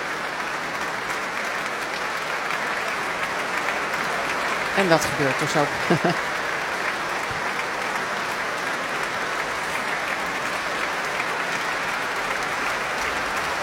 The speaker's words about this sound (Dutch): James Ennis opnieuw op weg naar het podium. Groot applaus ook van alle muzici van het Concertgebouworkest. Voor de Canadese violist.